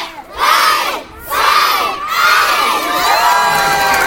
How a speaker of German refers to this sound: Mit lautem, begeisterten Geschrei stürmte eine ganze Meute Kinder die neue Burg in Oberstdorf. Die Burg ist der neue inklusive Spielplatz im Kurpark, direkt neben der Grundschule